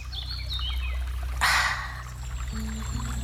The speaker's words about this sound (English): You're standing by a river, clear, cold, alive. You scoop it with your hands. Drink.